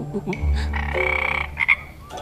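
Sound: frog croaking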